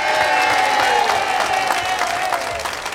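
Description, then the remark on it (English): A crowd applauds steadily for a member of the band, dense clapping at a loud, even level for the whole stretch, with a faint tone ringing underneath and no one speaking. “Nice round of applause for”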